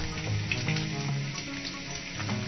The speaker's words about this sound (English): frying bacon. Ow! Hot!